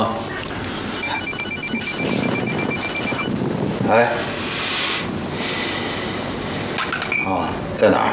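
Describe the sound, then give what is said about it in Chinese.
A telephone rings with a rapid, high electronic trill for about two seconds. Muffled voices and general background noise continue around it and after it stops. “谁的电话？”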